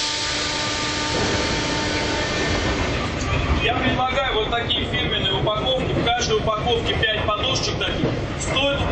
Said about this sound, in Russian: Московский метрополитен, 11:20 утра. Перегон между станциями Коломенская и Автозаводская.